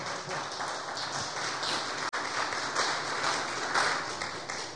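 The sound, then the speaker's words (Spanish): An audience applauding the Lord after a Bible reading, a dense sustained wash of many hands clapping at once, steady and fairly loud for several seconds with a brief dropout midway. “Le damos un aplauso al Señor. Fuerte.”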